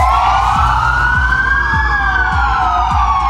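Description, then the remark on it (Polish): A loud police siren wails steadily, its pitch slowly rising and falling, with low rhythmic engine or horn pulses underneath and no voices; police across Poland sound their sirens at noon as a tribute to a police officer killed in Lower Silesia. “W południe w całej Polsce zawyły syreny policyjne.”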